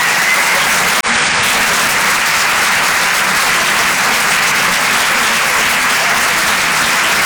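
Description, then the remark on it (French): Loud, sustained applause from an audience at the Rire et Chanson Comedy Club in Paris for comedian Bruno Becchi, a dense steady roar of many hands clapping at once for the full length, with no voices standing out. “Faites du bruit, s'il vous plaît, pour Bruno Becchi.”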